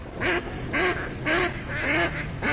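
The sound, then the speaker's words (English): A duck quacks four times in a steady rhythm, each nasal call loud with brief pauses between, and no talking over it. “Time to gear up for bird season.”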